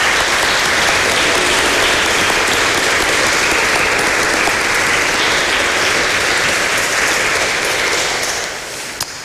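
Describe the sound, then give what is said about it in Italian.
An audience claps steadily at a church baptism celebration, a dense, even wash of applause that holds strong for most of the time, then begins to thin and taper off near the end. “Facciamo ancora un applauso per gli auguri.”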